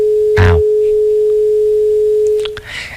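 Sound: phone dial tone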